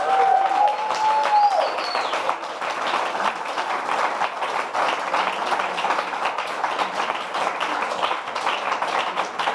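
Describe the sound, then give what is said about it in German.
Sustained crowd applause for all the performing artists at the kurzes brennendes Mikro show fills the whole stretch, a dense, steady wash of many hands clapping, with a few brief whistles rising over it at the start. “Aber erstmal genau ein Applaus für alle Künstler und Künstlerinnen.”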